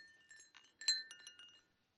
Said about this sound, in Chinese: 这是香山慈幼院的娃娃们亲手给我做的风铃。这个风铃是用玻璃药瓶子做的，叮叮当当的，就像我们湖南货郎担的糖花绳。